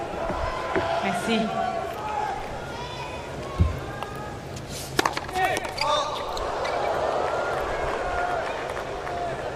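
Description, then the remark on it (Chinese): A tennis ball pops off a racket with a few sharp, hollow hits during a tiebreak in a tennis match, the loudest two a second or so apart; the ball bounces off the racket and flies high, over a steady crowd murmur and voices talking. “哇，这个球在球拍上弹了一下，飞得这么高。”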